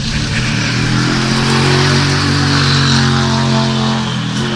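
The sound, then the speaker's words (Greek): A loud Toyota GR Yaris Rally 2 rally car, number 24, crewed by Alejandro Cachón and co-driver Borja Rozada, roars steadily nearby, its harmonic drone sustained and strong throughout, with no speech, as the car drives close past. “Αυτό ήταν το αμάξι του Αλεχάνδρο Κασόν και του Ροζάντα Μπόρζα, ο συνοδηγός του, με ένα Toyota GR Yaris Rally 2.”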